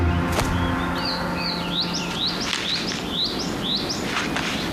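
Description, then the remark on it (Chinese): Two hungry crested ibis chicks, left unfed after their father's feeding, call in a quick series of rising, squeaky chirps, the younger one protesting at its older sibling, steady in volume, over a low background rumble with no one speaking. “妹妹对哥哥表达出强烈的不满。”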